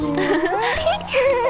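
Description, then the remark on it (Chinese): Several penguins call at once in loud, warbling, bleating cries that overlap, with a brief lull midway before the chorus swells again. “哇，好多企鹅呀。”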